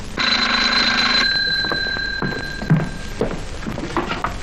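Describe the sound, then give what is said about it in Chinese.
A telephone bell rings loudly in one brief burst, then cuts off, leaving a lingering tone and a few soft clunks and knocks; the call is for the section chief. No one speaks. “处长电话。”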